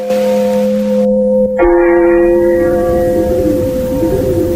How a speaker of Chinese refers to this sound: 教堂的钟声悠悠地回响起来。池田停住了脚步，回头望着镶嵌在夜幕中的钟楼，听着钟楼里传出的缓缓的钟声。